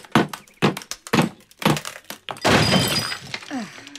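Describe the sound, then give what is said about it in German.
Four sharp, evenly spaced hammer blows ring out on a chisel against a wall as a frame is knocked out, followed by a loud rush of crumbling debris falling to the floor and a brief murmur of voice at the end. “So, drei Hämmer, drei Meißel, den Meißel an die Wand, Hammer drauf und dann...”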